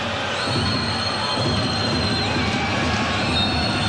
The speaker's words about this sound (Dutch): Maar daar is het laatste fluitsignaal. En daar is weer een thuiszegen voor Volendam.